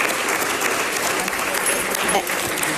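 Steady, dense applause from an audience for a woman's persistence in carrying a project forward, a continuous wash of many hands clapping at an even loudness for about three seconds, with no voices standing out.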